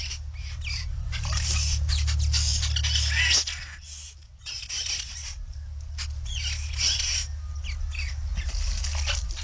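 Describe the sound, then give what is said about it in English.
A busy, overlapping chatter of white-browed babbler calls, harsh squeaky notes tumbling over one another in quick bursts, loud, with a low steady rumble underneath. “Now, I did want to hear, and I wanted to let you hear the babble of the white-browed babbler.”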